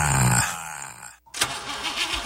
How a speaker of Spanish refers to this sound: ¿Tu carro ya te está hablando con ruidos extraños? ¡No lo mandes a exorcizar! Mejor llévalo con el Piti y no esperes a que te deje tirado.